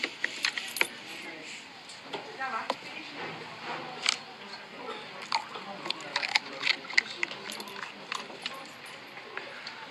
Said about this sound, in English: Now we have to do the all-important crunch test on the pork scratchings.